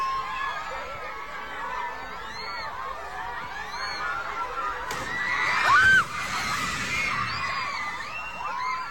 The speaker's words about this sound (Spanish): Sí, los gritos desesperados de los niños ahí estaban precisamente pues tras este movimiento telúrico.